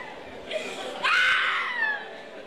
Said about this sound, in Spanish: Otra mujer gritando el diablo por ahí, oyente. Escucha, escucha, oyente.